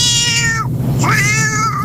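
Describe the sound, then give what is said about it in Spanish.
A cat meows loudly in a long, drawn-out, wavering call whose pitch dips sharply midway and then rises again, over a steady low background hum with no talking. “Si veo un gato, como ha dicho, un gato negro, lo llamo y se viene conmigo.”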